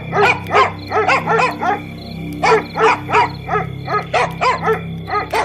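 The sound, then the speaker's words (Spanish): Dogs bark in quick repeated bursts, two volleys of sharp yaps separated by a short pause, fairly loud over a steady low background hum. “Los perros comienzan a ladrar.”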